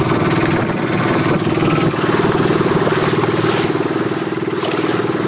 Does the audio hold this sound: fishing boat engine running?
yes